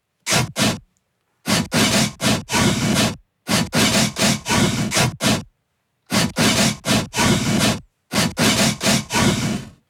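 A newly replaced, less rusty saw blade rasps through wood in quick, loud back-and-forth strokes, grouped into rhythmic bursts of several strokes separated by short pauses, almost like a beat.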